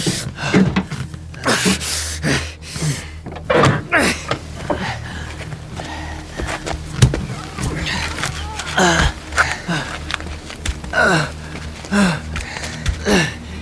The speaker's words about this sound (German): Dieser beschissene Elch tauchte ganz plötzlich auf. Raste direkt auf uns zu. Die Tür hat sich durch den Aufprall verklemmt.